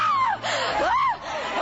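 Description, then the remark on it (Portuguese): A worship audience shouts to Jesus together in a loud, dense roar, with individual cries rising and falling above the mass for a couple of seconds. “Grita para Jesus”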